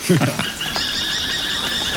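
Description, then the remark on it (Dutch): Shrill, drawn-out squealing calls of a pair of falcons carry through most of the moment, steady and fairly distant, with a brief murmur of voice at the very start. “Hé, en hoor je dat? Dat is een paardje valken.”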